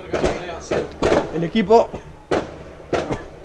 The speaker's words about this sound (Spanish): mientras escuchamos los fuegos artificiales que tira lo que sería la 12 tras el triunfo.